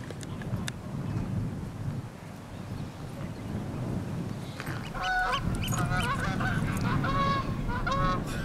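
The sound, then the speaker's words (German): Geese on a summer cattle pasture in the south of an island honk repeatedly in overlapping, nasal calls that grow louder in the second half, over a steady low rumble of wind noise, with no voices. “Sie sind das Problem. Die Gänse.”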